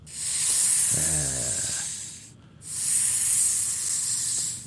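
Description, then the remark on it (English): A cobra hisses in two long, breathy bursts, loud, separated by a brief pause. A faint tonal murmur briefly sounds beneath the first hiss. “A quintessential tourist experience is to go down to the square and have your picture taken with the cobras and snake charmers.”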